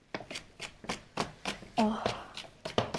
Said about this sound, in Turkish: Şöyle kapyamı da doğruyorum gördüğünüz gibi efendim. Hemen doğradım.